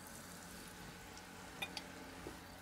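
Liver sizzling in a frying pan: a steady, quiet hiss of frying with a few small crackling pops near the end, and no voices.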